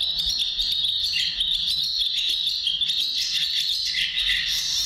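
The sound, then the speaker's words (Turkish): A barn swallow's song: a steady, high-pitched twittering chatter that runs without pause for the whole stretch, with fast rasping trills and no voices. “Hemen kırkırlangıcı bir kere daha çalacağım.”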